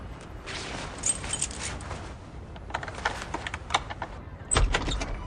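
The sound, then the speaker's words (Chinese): Keys jingle and a lock clicks and rattles through several quick metallic scrapes as the door of apartment 603 on the 6th floor is unlocked, then a heavier clunk as the door swings open. Moderately loud, with no voices. “哎呀， 啊，没错没错，我来开门。”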